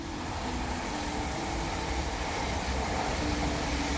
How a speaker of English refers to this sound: Train!